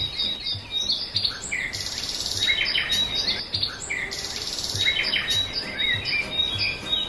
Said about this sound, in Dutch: En ik ben verwelkomd door het gezang van misschien wel duizenden vogels. Dus dat was echt zalig. Ik ga het jullie even laten horen.